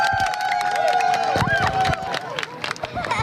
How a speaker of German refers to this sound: Dann ist es endlich soweit. Die Sonnenfinsternis erreicht ihren Höhepunkt und Jubel bricht aus.